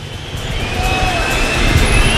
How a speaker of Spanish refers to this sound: enseguida estoy contigo, Mario, que está llegando el autobús del Real Madrid, Víctor.